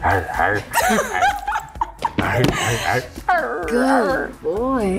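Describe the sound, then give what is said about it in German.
A man's voice imitates a dog barking at a woman's request, with repeated yelping, howling bursts that rise and fall in pitch, loud, continuing through the whole stretch. “wie er bellt, weil eine Frau meinte, sie steht auf Rollenspieler.”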